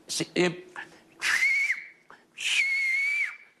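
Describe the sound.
Silbo Gomero whistling, a whistled form of Spanish: two loud, breathy whistled phrases, each holding a high tone that glides up and down, with a short burst of voice at the start.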